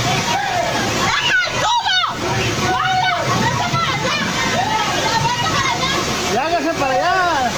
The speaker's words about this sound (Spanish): tras varios minutos de lluvia intensa, el agua comenzó a acumularse rápidamente sobre la vialidad y zonas aledañas, generando corrientes que arrastraron lonas, estructuras metálicas, mesas y parte de la mercancía colocada por los comerciantes.